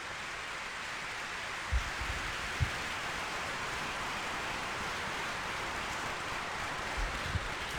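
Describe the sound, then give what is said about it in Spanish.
A crowd applauds for God, 'our Father in heaven', in a steady, dense wash of clapping that holds at an even level for several seconds, with a few low thumps breaking through the noise. “Démosle un aplauso a nuestro Padre que está en el cielo.”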